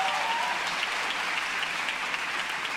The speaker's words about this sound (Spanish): Un aplauso para Rodri, por favor, en el escenario.